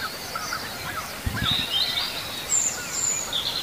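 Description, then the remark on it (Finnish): A European robin sings high, thin warbling phrases in short bursts over a steady outdoor background hiss with a brief low rumble partway through, in the morning by a bay. No one speaks. “ja viitasammakoita ja punarintaa.”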